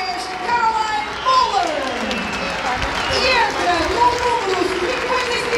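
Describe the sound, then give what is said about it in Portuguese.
A large crowd in the stands of a football stadium applauds steadily at a cup final as Benfica substitutes number 10 Caroline Muller for Carolina Tristão, a dense wash of clapping and cheering that holds at an even level, with voices rising and falling in the mix. “Vamos ouvir também os aplausos da bancada.”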